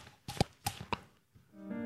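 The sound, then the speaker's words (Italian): Three sharp, hollow slaps on the cheeks land in a loose rhythm, imitating a horse's clip-clopping hooves as a sound-effect demonstration, followed by a brief tonal hum at the end. “Schiaffetti sulle guance, così.”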